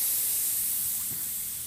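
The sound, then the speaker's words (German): Air hisses steadily out of a flat tire, a continuous bright rushing sound that holds fairly level for a couple of seconds, with no voices. “Warum bremst du? Ei, wir haben Platten.”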